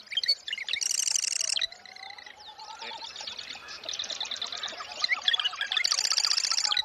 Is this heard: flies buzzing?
no